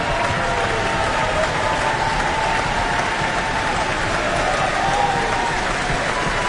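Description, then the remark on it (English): An audience in the Auckland Town Hall cheers and stamps amid dense, steady applause for soprano Erica Grimaldi in the role of Cho-Cho-san, a loud, unbroken wash of crowd noise with faint whoops rising above it throughout. “Cheers and stamps can be heard throughout the Auckland Town Hall for Erica Grimaldi, soprano, in the role tonight of Cho-Cho-san.”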